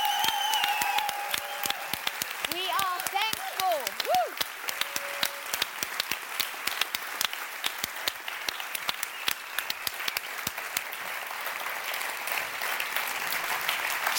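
A large audience applauds the team with dense, steady clapping that carries on for about fourteen seconds, with a brief rising whoop of a cheer near the start.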